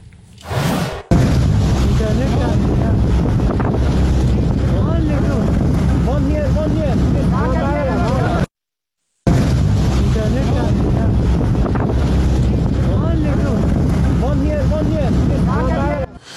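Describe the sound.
A small migrant boat crossing the English Channel as the French Navy throws life jackets to those aboard, with steady wind buffeting the microphone and a constant low rumble, while several voices call out over the noise; a brief dropout interrupts midway.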